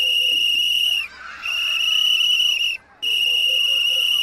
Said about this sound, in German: Wenn ich zum Beispiel so pfeife, also ein paar Mal einen langen, hohen Ton, dann wissen alle anderen Feuerwehrleute, dass ich selbst in Gefahr bin und Hilfe von den anderen Feuerwehrleuten brauche. Hört noch einmal hin.